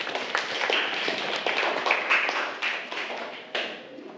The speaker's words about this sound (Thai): ถูกต้องครับนักเรียนปรบมือเลยครับ